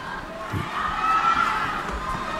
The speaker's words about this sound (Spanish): La gente grita, ¿eh?